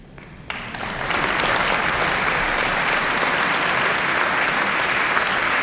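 Audience applause swells within the first second and holds steady and dense, many hands clapping in a continuous wash that fills the room without letting up.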